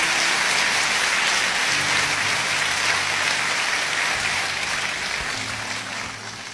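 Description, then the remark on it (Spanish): A crowd applauds steadily, a dense wash of many hands clapping at once, loud and sustained, easing off slightly toward the end. The audience is applauding the Lord during a sermon. “Dan un aplauso al Señor de los cielos.”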